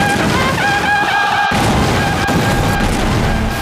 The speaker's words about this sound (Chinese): 党中央20000多人的红星纵队一出瑞金，就遭到敌人的飞机轰炸，造成重大伤亡。